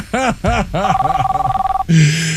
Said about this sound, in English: silence that phone already.